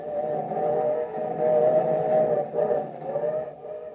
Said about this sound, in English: In a noisy, windy freight car, Joe and Rusty head west.